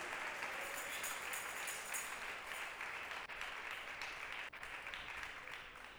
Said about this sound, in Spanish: Démosle un aplauso al Señor, nuestro Dios. Aleluya.